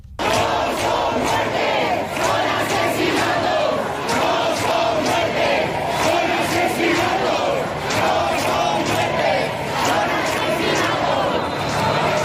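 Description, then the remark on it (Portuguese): A large protest crowd chants a slogan in unison at night outside the building in Madrid's Retiro neighborhood, near the Congress, where Mari Carmen Abascal lived, protesting her death and demanding the right to housing. Voices rise and fall in a steady rhythmic cadence, loud and sustained, with a dense roar of many shouting people. “Mais do que uma vigília, está a haver uma manifestação com frases de protesto como esta.”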